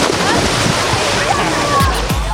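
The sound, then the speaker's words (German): A loud splash as someone jumps from the pool edge into the water of an outdoor public swimming pool in Gescher, followed by churning and sloshing, with a busy watery hubbub and indistinct voices in the background. “Ja, und wir halten uns natürlich auch an die Regeln, ne, und springen nur vom Beckenrand ins Wasser”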